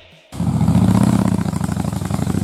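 A motorcycle engine roars to life after a brief quiet moment, revving loudly with a throaty, pulsing growl that holds steady to the end.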